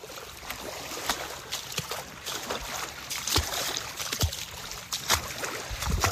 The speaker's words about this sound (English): I'm going to move quickly through the shallow part of the water, try to get to some deeper water real quick. And hopefully not get swimmer's itch.